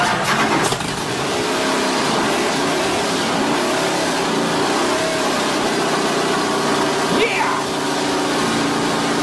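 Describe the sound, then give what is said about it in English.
A car engine turns over and catches, then runs with a loud, steady rumble, rising briefly into a rev near the end. “Yeah, that's exactly what my Land Rover Defender sounds like.”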